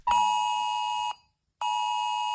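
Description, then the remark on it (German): A loud, piercing electronic emergency warning alert tone from mobile phones, set off at 11 o'clock, sounding in two long sustained bursts with a short gap of silence between them, harsh. “Okay, und natürlich nicht erschrecken, auch unsere Handys springen an um 11 Uhr. Das klingt dann so.”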